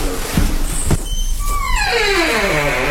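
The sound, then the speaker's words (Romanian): A room door creaks open with a long, drawn-out squeal that slides downward in pitch over about a second and a half, preceded by a couple of soft thumps. “Oh, și ușa asta scârție.”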